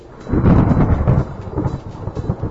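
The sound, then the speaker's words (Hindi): A rain and thunder sound effect: a rolling rumble of thunder over steady rain, loud, the low boom swelling early then continuing in uneven waves beneath a dense hiss of falling water. “बारिश नहीं, बारिश जैसी आवाज ही सही भाई कराची में।”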